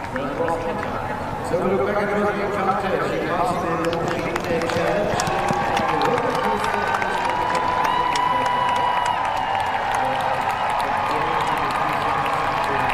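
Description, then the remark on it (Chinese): A crowd of spectators at an equestrian cross-country competition cheers excitedly after a rider's run, a dense, steady roar of many overlapping shouting voices that stays loud and unbroken from start to finish, with occasional higher whoops rising above it. “可以看到现场观众的热情和激动。”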